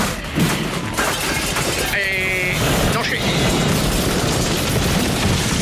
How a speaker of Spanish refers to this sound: Nos han derribado, ¿eh? Yo he escuchado un disparo. Era un francotirador de láser.